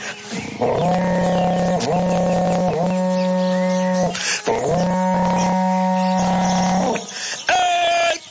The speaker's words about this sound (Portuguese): para vocês agora, um berrante daqueles, olha só.